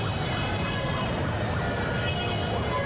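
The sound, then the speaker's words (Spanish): A wailing emergency siren rises and falls repeatedly over a steady rumble of city traffic, the siren clear above the constant engine noise. “El tráfico de la ciudad es inevitable.”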